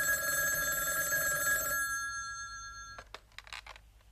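An old telephone bell rings once, loud, its metallic tone lingering and fading before a few sharp clatters, like the handset being lifted. No one speaks.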